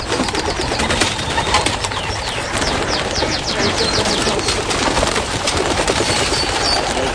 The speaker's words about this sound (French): et les oiseaux, c'est une passion, à commencer par les pigeons. Là, c'est pas les horaires, d'habitude, ils partent à fond, mais c'est le matin.